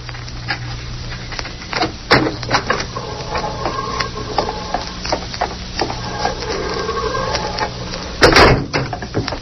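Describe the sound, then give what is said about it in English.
A heavy corridor door in a jail is opened: a sharp latch clunk, then a long, wavering mid-pitched creak of hinges, ending in a loud thud near the end over a low steady hum. “Open the corridor door, Joe.”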